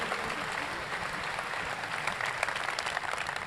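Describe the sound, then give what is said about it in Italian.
Steady applause from a sizeable audience for the Russian Tchaikovsky orchestra, the first applause of the evening, fills the space, a dense continuous patter of many hands clapping at even loudness throughout, with no voices standing out. “la qualità musicale dell'orchestra russa Tchaikovsky, che conosciamo bene perché numerose volte è stata qui con noi e al quale va senz'altro il primo applauso della serata.”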